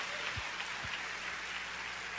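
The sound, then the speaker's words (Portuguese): A church audience at Igreja Cristo Vive applauds the Lord in a steady, dense wash of clapping that holds an even level throughout, with two brief low thumps early on and no voices. “Damos um aplauso ao Senhor.”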